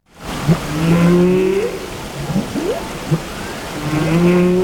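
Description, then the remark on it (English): Long, sweeping humpback whale calls, recorded off the coast of Iceland in a remote Icelandic fjord, rise and moan over a steady watery hiss, several tonal cries overlapping in a continuous underwater wash with no talking. “A choir here in the UK has created a song featuring the sounds of humpback whales off the coast of Iceland.”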